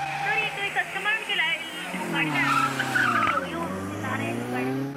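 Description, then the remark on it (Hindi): Tires squeal and wail continuously as a car skids out of control, the high screech wavering up and down over a steady engine roar, loud for the whole stretch, with a voice underneath. “Hello हाँ जी sir, sir please मेरे को बता दो, मेरी गाड़ी आउट ऑफ कंट्रोल हो गई है, ये किस तरह रुकेगी?”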